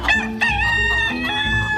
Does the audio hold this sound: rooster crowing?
yes